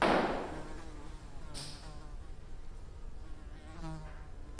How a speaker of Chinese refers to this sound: 你们大理就是一个大农村，有苍蝇多正常呀！你不只要接受苍蝇，你还要接受有只猪，这是大理生活的一部分。